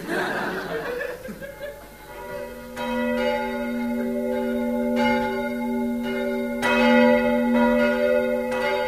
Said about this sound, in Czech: Počuješ, James? Zvonia.